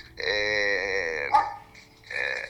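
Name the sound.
dog barking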